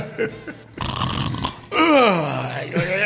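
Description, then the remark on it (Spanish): A voice imitates a man's loud snoring that turns into a lion-like roar: a raspy, noisy inhale, then a long, falling growl, ending with a short rough snort, unaccompanied. “En la quinta ya ese hombre parecía, roncaba más que el león de la Metro Goldwyn Mayer.”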